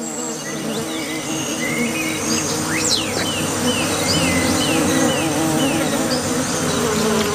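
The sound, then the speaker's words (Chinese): A dense, steady drone of many bees buzzing around a small water puddle on the ground in hot weather, where young white-faced capuchin monkeys drink, holding constant for the whole stretch, with faint high chirps flickering above the hum and no one speaking. “白脸卷尾猴幼崽冒着被蜜蜂蛰伤的风险，埋头汲取珍贵的水分。”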